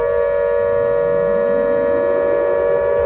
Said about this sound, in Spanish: Sonó la alarma.